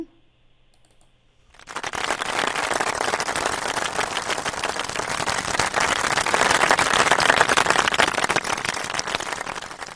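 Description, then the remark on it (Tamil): After a brief quiet moment, a group bursts into dense, sustained applause for a child who has just played, many hands clapping rapidly and steadily for several seconds, swelling slightly louder toward the end. “First உங்களுக்கு ஒரு கைத்தட்டல் கொடுத்துருவோம்.”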